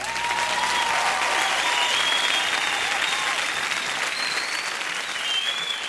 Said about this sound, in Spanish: Todos somos Colombia, Colombia es el mejor país del mundo y tenemos una hermosa selección. Para ellos, un gran, gran aplauso.